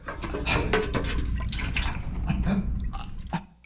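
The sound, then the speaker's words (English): Water is poured out and spills, a steady splashing gush with scattered drips that runs for a few seconds before trailing off. No one speaks. “Oops! How clumsy of me. Please, water. There is no water for you.”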